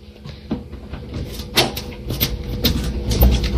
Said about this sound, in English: And then she opens the door for the capybara.